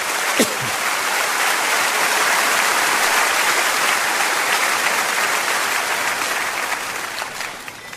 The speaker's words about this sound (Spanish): Claro que sí, dele un fuerte aplauso.